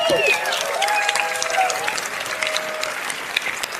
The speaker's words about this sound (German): So, das war's auch mit dieser Box. Da gibt's einen Applaus, Applaus einfach schon mal.